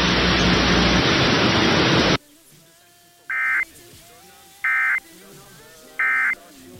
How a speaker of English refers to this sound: This is only a test. The following tones will conclude this test.